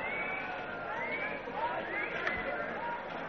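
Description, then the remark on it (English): A steady murmur of many voices blends into an indistinct babble, with a few brighter vocal rises poking out of the continuous crowd noise. “Vicky has spotted Katerina moving through the crowds.”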